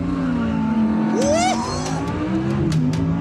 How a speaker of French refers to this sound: On se met en première, à l'arrêt. On appuie sur ce petit bouton qui nous dit qu'on est en mode performance. À fond, pied gauche, à fond sur la pédale de frein. Pied droit, à fond sur l'axel. Système Launch Control activé.